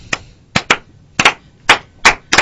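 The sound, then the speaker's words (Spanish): After a speech by a former president, a few scattered, hesitant claps ring out unevenly, some in quick pairs with pauses between, as the audience is unsure when to applaud or whether the speech has ended. “No, que no sabían, es que no sabían en qué momento aplaudir.”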